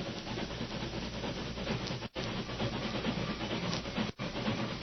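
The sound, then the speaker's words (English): A steam train approaches, rumbling and hissing steadily along the rails, a dense, loud mechanical roar that barely changes, broken only by two very brief dropouts. “Keep out of sight, you fellas, before the train stops.”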